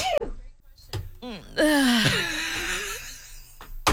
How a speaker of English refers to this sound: You recorded me? Yeah. What is wrong with you? Yeah, see? That's you. Mad at me for recording your sneeze.